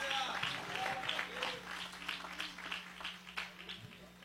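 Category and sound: crowd, audience applauding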